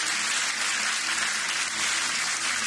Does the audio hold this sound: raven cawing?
no